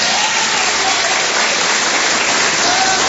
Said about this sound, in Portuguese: Bate as palmas pro Senhor Jesus, Curitiba.